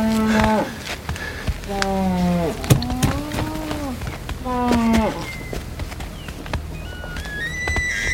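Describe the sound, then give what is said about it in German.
Ollie Whitfield's tame moose, with a tag on its ear and a snow-white nose, bellows in a series of long, deep, wavering groans, four drawn-out calls in a row, followed by thinner, higher-pitched tones toward the end. “Ollies Elch ist wieder putzmunter.”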